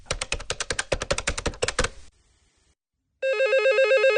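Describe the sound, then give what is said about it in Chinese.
A quick burst of sharp mechanical clicks, like a number being dialed, then a brief silence before a steady electronic telephone ring starts up as a phone call is placed, clear with no voices. “穆延东犹豫再三，还是拨通了林烟的电话。”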